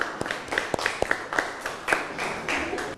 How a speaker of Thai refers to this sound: ปรบมือให้กับกลุ่มที่5นะครับเก่งมากนะ